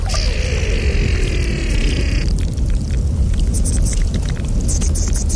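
A field recording from the Morteratsch Glacier: a steady, loud rushing wash with an eerie high whining tone for the first two seconds, then scattered crackles and clicks over the continuous roar.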